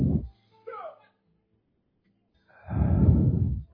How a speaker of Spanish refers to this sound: Respiramos. Visualizamos cómo entra a nuestros pulmones el oxígeno puro y limpio de estas montañas, estos hidrógenos que cargan nuestros seres.